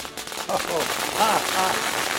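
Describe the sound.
A rapid crackle of firecrackers popping in a noisy outdoor scene, the bursts blending into a steady wash of sound while people's voices come through over it.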